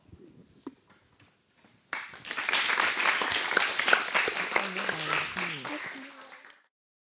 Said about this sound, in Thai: ก็ขอชื่นชมแล้วก็ให้นักเรียนปรบมือให้ตัวเองอีกครั้งหนึ่งครับนะคะ